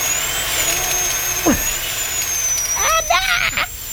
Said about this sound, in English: The drill. Oh, dentistry. It's come a long way, but still, it ain't fun.